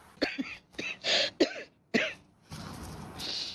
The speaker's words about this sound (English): I'm sorry, coughing so often, but as long as the world still has heavy karma and we cannot clean it up yet, then I still have this cough I have to carry. But it's clear, it's clean, it's not contagious or anything.